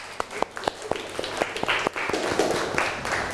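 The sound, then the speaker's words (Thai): Students clap in class for a classmate at the teacher's request: a few sharp, evenly spaced claps at first, then the clapping thickens into a denser, overlapping round of applause that carries on steadily to the end. “แผนที่นะคะปรบมือเพื่อนหน่อยเร็ว”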